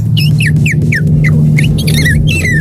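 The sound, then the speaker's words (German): A 12-year-old boy imitates a swallow's call: a quick series of about nine high, twittering downward chirps, fairly loud, over a steady low hum. “Wahnsinn, die Schwalbe.”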